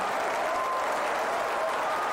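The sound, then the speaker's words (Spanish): Steady audience applause fills the whole stretch, a dense, even wash of clapping hands at moderate loudness with no voices standing out above it. “Demasiado como para tan poco aplauso.”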